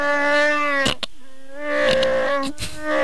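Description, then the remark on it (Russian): A Wookiee's growling roar in the Shyriiwook language, loud, a series of drawn-out, throaty moaning cries broken by short gaps, with no one speaking. “Это язык называется Ширивук. Ширивук? Да, это язык Чубаки. Чубаки из Звездных войн.”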